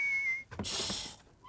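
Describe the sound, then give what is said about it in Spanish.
Someone whistling in their sleep: a thin, steady whistle holds one high note, breaks off into a brief breathy rush of noise, then a short rising whistle starts again. It's soft, with no talking. “… está silbando. Está silbando dormido.”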